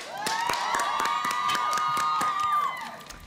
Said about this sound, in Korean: 여러분 박수 한번 주세요.